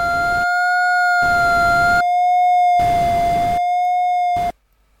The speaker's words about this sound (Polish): No, możemy usłyszeć za pomocą dźwięku, jak wygląda przebieg tego wykresu. Słyszymy za pomocą szumu, iż czasami znajduje się od pod osią, wartości mają mniej niż 0, czasami nad